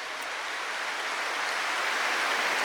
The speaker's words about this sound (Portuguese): Desde já uma salva de palmas para a Eucaristia, para nosso Jesus Eucarístico, para o sacerdócio.